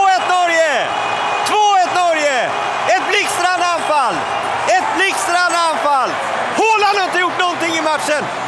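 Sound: stadium crowd cheering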